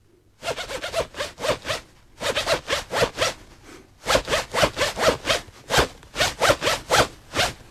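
A zipper is pulled up and down in quick rhythmic bursts, grouped into phrases like a tapped-out tune, close and fairly loud with short pauses between groups.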